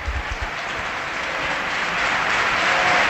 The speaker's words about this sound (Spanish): Y se va Rubén, parece. Y Rubén. No, es Trigueros. Pues mira, vamos a escuchar el aplauso a dos que no volverán.